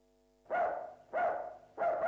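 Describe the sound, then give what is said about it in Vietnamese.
A dog barks three times in a steady rhythm at a house around midday, each bark loud and slightly drawn out, with brief pauses between them and no talking. “Ủa ai tới vậy kìa, chó sủa sầm hết trơn.”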